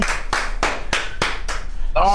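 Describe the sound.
A short burst of applause: about six sharp, evenly spaced claps in a steady rhythm, fairly loud, before a voice starts speaking at the very end.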